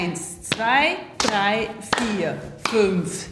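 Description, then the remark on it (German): Partners clap hands in a hand-clapping game, clapping diagonally across to each other's hands: four sharp, crisp claps land at an even, steady pace, with a voice singing in melodic phrases between each one. “Also quasi so diagonal klatschen wir ab.”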